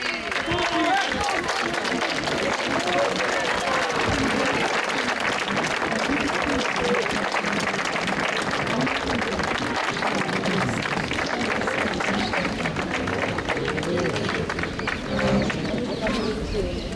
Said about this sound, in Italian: è un applauso che accoglie Papa Leone